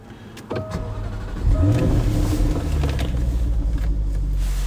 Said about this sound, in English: That's her running. Very docile, this car, in fairness. We're manoeuvring at the moment, and you know, you don't know you're in a supercar. It's so simple to drive.